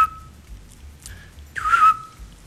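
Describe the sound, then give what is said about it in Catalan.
Short, steady whistled notes at a middling pitch, a brief one first, then a louder, breathier one, imitating the single mellow 'tyu' call of a Eurasian scops owl, with no talking. “És dels meus ocells preferits, sí, sí, el xot.”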